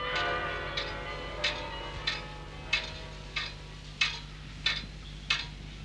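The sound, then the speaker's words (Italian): Ringing carillon bells fade away while a pendulum clock in the study of Professor Brugmans, rector of the institution, ticks steadily beneath them, nine or so evenly spaced ticks carrying on alone once the bell tones die out. “Le note del Carillon cedono il posto alle pulsazioni misurate di un orologio a pendolo nello studio del professor Brugmans, rettore di questa singolare istituzione.”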